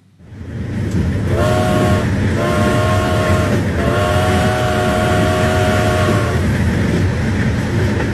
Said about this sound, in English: The train wheels kept time like an old iron metronome, clicking steadily beneath the passenger car as it rolled westward.